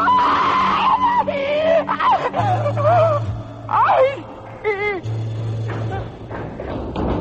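A woman screams and wails in repeated, wavering high-pitched bursts, loud, over a low rumbling drone with occasional thuds.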